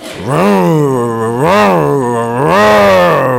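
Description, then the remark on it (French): A voice imitates a chainsaw as part of a game, with a loud, sustained buzzing drone that revs up and down in pitch three times over about three seconds, without pause. “Ouais, on a eu un nouveau jeu super sympa, on fait un bruit de tronçonneuse, regarde, fais après moi.”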